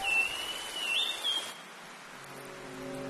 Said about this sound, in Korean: 열대우림에선 지속적인 위협이자 동시에 축복인 존재가 있습니다. 바로 열대폭풍입니다. 우림에 터를 잡은 주민들은 억수같이 쏟아지는 폭우도 온화하지만 길게 내리는 비도 익숙합니다.